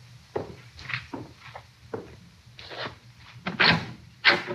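A door is opened to let a man come in, with a series of wooden clicks, creaks and knocks, including a latch rattle and a couple of sharper bumps near the end, no voices.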